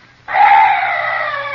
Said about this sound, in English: What's that? Oh, some night birds. Yes, that's all.